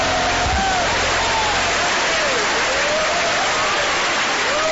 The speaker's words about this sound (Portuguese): Palmas para Jesus, palmas para Jesus. Louvado seja Deus. Pode louvar a Deus com as palmas, aleluia.